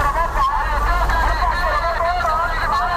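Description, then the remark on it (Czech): Busy street market bustle with vendors' small battery-powered Chinese megaphones calling out offers on repeat in a continuous, overlapping babble, over a steady low rumble of passing car traffic. “Všichni si tady totiž pořídili malý čínský megafon na baterky a ten za ně dokola jako kolovrátek hlásí nabídky.”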